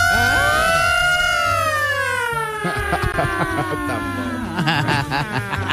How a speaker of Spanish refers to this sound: Y sonó la sirena.